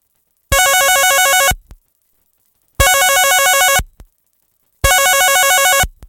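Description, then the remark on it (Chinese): A telephone rings three times in a steady pattern, each loud, warbling electronic burst lasting about a second with short silences between, as a number found on a note in a car's glove box is called. No voices. “佢就按住个电话号码打过去啦。”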